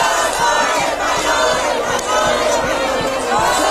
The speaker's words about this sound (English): And Spain's through to the semis at the FIFA World Cup after defeating Belgium 2-1 in the quarterfinals. Fans erupting at a public watch party in Madrid.